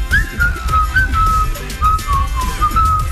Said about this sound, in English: But I heard you whistling just now, not half bad.